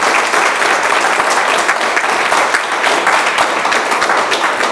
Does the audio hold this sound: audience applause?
yes